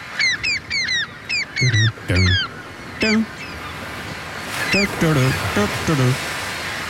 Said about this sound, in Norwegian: både elsket og hatet på sommeren, måkene, og det en liten gjeng med måker som gjør så godt de kan med å nynne på en kjent låt